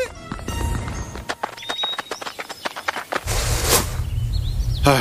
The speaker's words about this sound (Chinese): 大毛猴，光头强没出来，出来头驴。 啥玩意儿？ 公司啥时候有头驴啊？难道是老板养的新宠物？ 这驴好奇怪啊， 怎么穿着光头强的衣服？